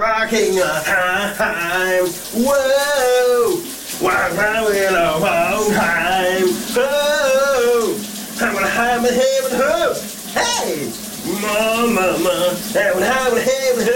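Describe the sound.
A steady hiss of running water in a shower cabin fills the whole recording while a man sings a summer hit loudly over it, his voice rising and falling in sustained phrases.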